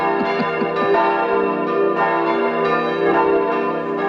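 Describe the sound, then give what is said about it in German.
Several church bells peal together in a continuous, overlapping clangor, new strikes landing every half second or so over a rich, sustained ringing. Loud and full, with no voices. “Die haben ja immer noch keine Glocken. Damit es da keine Ausreden mehr gibt.”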